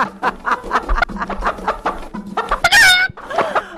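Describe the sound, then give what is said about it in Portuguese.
A chicken clucks in a quick, steady series of short calls, then lets out a loud, drawn-out squawk before a few more clucks at the end. “Rapaz do céu, mas, ó, galinha.”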